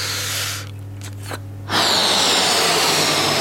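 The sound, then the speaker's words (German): Air is blown into a balloon: breathy puffs with a short pause, then a loud, steady rush of breath that keeps going. No one speaks. “Ich puste Luft in den Ballon, immer mehr und mehr und noch mehr Luft.”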